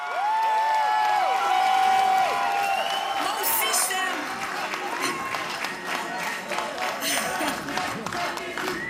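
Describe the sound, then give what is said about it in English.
A large rally crowd cheers and chants, many voices shouting and whooping together with scattered clapping, a loud, dense roar that stays steady throughout. “That gets everyone chanting together again.”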